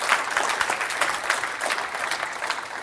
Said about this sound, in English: Somebody give Jesus a hand clap right there. I just said something right there.